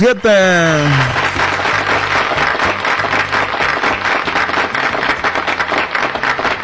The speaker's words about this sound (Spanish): Se merece un aplauso, Rosy87.